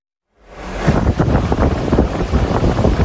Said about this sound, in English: Hurricane Polo ripping along Mexico's Pacific coast. Huge waves, intense rain, and damage to businesses along the shore, including this small beachfront restaurant in Tecomán, Colima, even as the powerful storm remained well offshore.